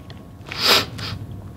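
A wet nasal sniffle: one louder, breathy snuffling burst followed by a shorter, fainter second sniff, with no talking around it.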